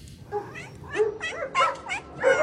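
Several cats meow in quick succession in a quiet corner of Baghdad, Iraq, as a young man's footsteps approach his animal sanctuary; their drawn-out, wavering cries overlap, with a possible dog faintly in the mix; no one speaks.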